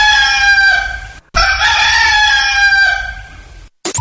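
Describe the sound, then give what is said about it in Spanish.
A rooster crows loudly in the morning, two long, strained cock-a-doodle-doo calls separated by a brief pause, with no voices or other sounds around them. “El gallo de la mañana.”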